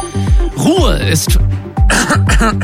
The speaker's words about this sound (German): Kurzer Räusperer.